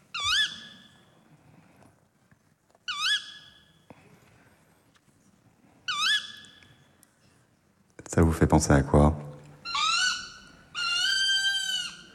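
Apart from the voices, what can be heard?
tawny owl calling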